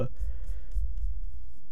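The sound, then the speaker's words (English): Faint, soft brushing of fingers sliding across a laptop touchpad while looking for a playlist in Apple Music, a few light scratchy strokes over a steady low rumble. “You can hear the the touchpad shuffling.”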